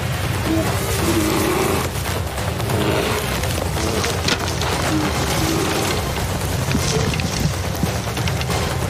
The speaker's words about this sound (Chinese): 这头灰熊毫不费力地就把整个帐篷拖进了漆木丛，里面还有个45公斤重的人类模型。看，他们在一起使劲。